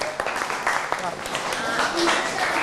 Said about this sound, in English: Okay, everyone, clap your hand for yourself. Good job.